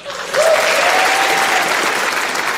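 An audience in St. Patrick's church (iglesia de San Patricio) breaks into loud, sustained applause, a dense wash of many hands clapping that swells quickly and holds steady, with a faint high whistle riding over it early on.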